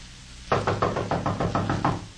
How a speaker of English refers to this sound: He'll go to the door and knock on it.